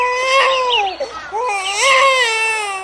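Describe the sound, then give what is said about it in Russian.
A baby boy floating in a basket on the Nile cries in the distance, a sustained, high-pitched wail that breaks briefly for a breath, then rises again into a second strained cry, loud and clear with no talking. “Вдали раздался детский плач.”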